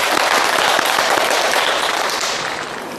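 A crowd claps steadily in a dense, even burst of applause for about three seconds, welcoming a teacher who will give a model recitation of a Du Fu poem, loud throughout and easing off only slightly toward the end, with no voices.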